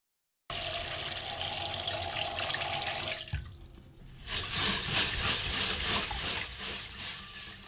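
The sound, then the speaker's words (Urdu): Water runs steadily from a tap into a bowl, filling it to wash rice for Japanese-style cooking, with a strainer to be set inside. It briefly pauses mid-way, then resumes with a fuller, splashier gush as the vessel fills. No voices are heard. “ایک برتن میں پانی بھر کر اس کے اندر ایک چھلنی رکھیے.”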